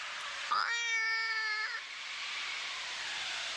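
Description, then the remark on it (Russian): A cat, appearing in a room through a creaking door with its tail up, gives one drawn-out meow lasting about a second, clear, over a steady hiss of background noise that continues after the cry ends. “В глубине комнаты, скрипнув дверью, появился кот Васька.”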